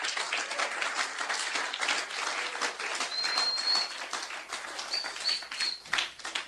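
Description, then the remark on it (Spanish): A crowd claps for Christ, a dense, continuous wash of many hands that fills the whole stretch, with a couple of faint high chirps cutting through. “Dele palmas a Cristo.”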